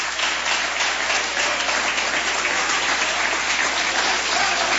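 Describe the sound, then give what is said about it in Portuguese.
A church audience applauds for Jesus, many hands clapping in a dense, continuous wash of sound that stays loud and even throughout, with no voices standing out. “Vamos receber o céu de Deus com palmas bem alegre para Jesus.”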